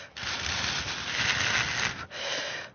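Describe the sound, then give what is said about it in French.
Steady breathy rushing like gusting wind, made by blowing on very thin paper strips to imitate the sound of wind, a sustained airy hiss with a brief dip near the end before it resumes. “découvrir les languettes qui sont toutes fines pour faire le bruit du vent.”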